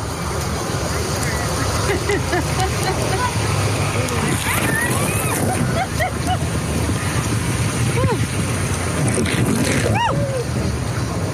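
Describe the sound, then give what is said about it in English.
Steady sloshing and splashing water with a busy crowd of voices and shouts mixed in, as people drift in tubes along the lazy river at Wild Waves theme park, occasionally getting doused with water. “We gracefully got situated in our tubes. As we drifted along, occasionally getting doused with water”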